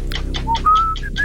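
Short whistling: a few thin, rising whistled notes in quick succession, mixed with breathy puffs of air, with no talking.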